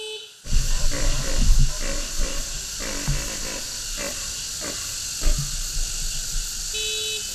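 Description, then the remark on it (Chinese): A loud vehicle horn blares in repeated honks over a rumbling engine, with a constant high-pitched hiss throughout and the honking pulses recurring irregularly for several seconds, sounded by workers unloading fodder as a signal calling Père David's deer to feed. “工作人员一边卸草料，一边鸣喇叭，这是召唤麋鹿开饭的信号。”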